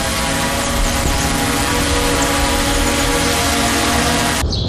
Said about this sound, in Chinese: 真的吗？啊，那太好了。我现在正在用无人机巡视呢，来，你看。那就是这儿。